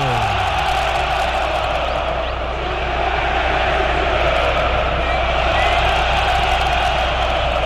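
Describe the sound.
A loud stadium crowd at the Arena Itaquera cheers and roars in a dense, unbroken wall of voices after a penalty is awarded to Corinthians, holding steady at full intensity for several seconds with shouts rising out of the din.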